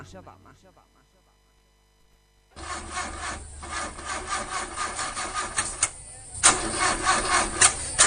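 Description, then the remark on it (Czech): A brief voice fades out, then after a short pause an old car engine cranks loudly and rhythmically, rasping and sputtering over and over without catching. “Neđe ti nešto taj auto, a?”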